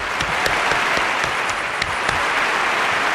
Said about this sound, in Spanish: vamos otra vez con los aplausos.